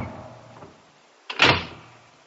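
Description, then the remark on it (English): A heavy oak door whips out of a person's fingers and slams shut with a sudden loud clank and a low rumbling tail, like an automatic bar falling, after a brief quieter creak or shuffle of movement. No one speaks. “But for some inextricable reason, perhaps by a spring or a weight, the ponderous mass of oak whipped itself out of my fingers and clanked to with a formidable rumble and a noise like the falling of an automatic bar.”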